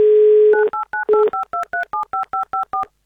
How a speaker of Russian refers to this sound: Ну и, естественно, давайте же наберем номер телефона.